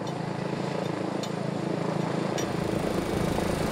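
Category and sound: vehicle, helicopter flying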